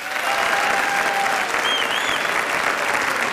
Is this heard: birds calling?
no